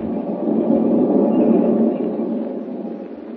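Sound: train running on rails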